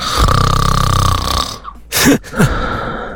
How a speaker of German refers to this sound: Ja, das Schnarchen eures Partners.